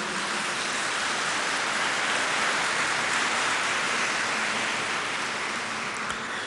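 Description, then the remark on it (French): An audience applauds in a dense, steady wash of clapping that holds an even loudness for several seconds, with no voices rising above it. “Je suis content, pas parce que vous m'applaudissez, je suis content parce que lorsque vous applaudissez, vous dites « Amen ».”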